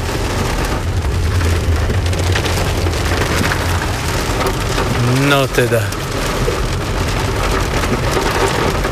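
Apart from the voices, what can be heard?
heavy rain pouring down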